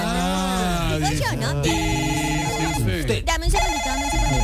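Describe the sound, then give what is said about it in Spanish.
A telephone rings with a loud, continuous melodic ringtone, its rich tones sliding up and down in pitch for several seconds without pause. “Dame un segundito, por favor. ¿Quién la llamó? ¿Aló, portería?”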